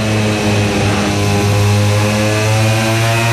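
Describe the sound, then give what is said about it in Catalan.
A racing motorcycle engine screams loudly and continuously during a race, its high buzzing whine dipping slightly as the riders cut the throttle at the same speed after braking for turn 10, then pushing back up as the throttle is opened hard again. No one speaks. “Aprofitant la mateixa velocitat, tallen una mica i tornen a donar gas fort.”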